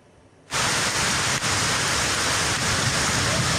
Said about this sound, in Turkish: Yurt genelinde sıcaklıklar artarken Karadeniz bölgesinde şiddetli yağmur ve dolu etkili oldu. Gümüşhane'de sağanak sonrası dereler taştı, heyelan sonucu evler zarar gördü.